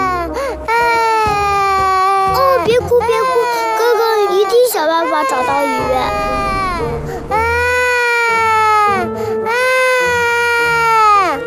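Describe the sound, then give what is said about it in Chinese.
A young child wails loudly and continuously, long sustained crying bursts with only brief catches of breath between them, unbroken for the whole stretch. “啊，怎么有小孩的哭声，还哭个不停，吵得我没办法午睡。”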